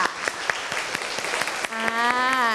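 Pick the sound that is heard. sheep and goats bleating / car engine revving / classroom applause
classroom applause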